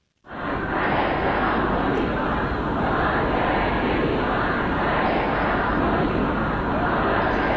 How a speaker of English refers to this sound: Well, we can hear there mourners who filled the city of Mashhad for the last several days of funeral proceedings. Crowds shouted slogans against any compromise with the US and denounced the American and Israeli leaders.